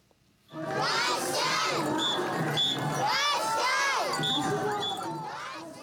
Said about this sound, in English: We take you now to northeastern Japan, where a parade of ornamental floats has drawn crowds to Sakata City in the prefecture of Yamagata.